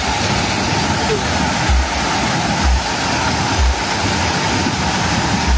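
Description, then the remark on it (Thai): Water gushes in a loud, steady roar like a small waterfall, pouring out of a flooded industrial waste landfill pit belonging to a private company after heavy rain, with a few dull low thumps underneath. “ไม่ใช่น้ำตกขนาดย่อมนะคะนั่นเป็นน้ำที่ทะลักออกมาจากบ่อฝังกลบขยะอุตสาหกรรมของบริษัทเอกชนค่ะ”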